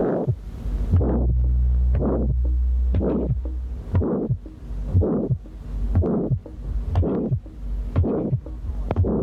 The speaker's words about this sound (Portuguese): na estenose aórtica congénita o segundo som é geralmente normal. O sopro sistólico é áspero, em forma de losango, terminando antes de um segundo som normal. O que se ouve no segundo espaço intercostal direito é o seguinte.